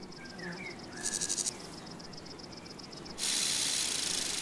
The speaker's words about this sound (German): Dieses Nähmaschinengeräusch stammt von einer Schwertschrecke, während der Warzenbeißer eher Pianissimo spielt.